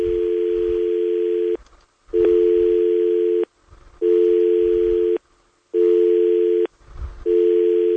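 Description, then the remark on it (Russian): A telephone tone beeps in long, steady bursts, five of them, each about a second long with short gaps between. The pitch is fixed and fairly low, with a faint rumble underneath. “Я счастлив, что у нас гудок звенит.”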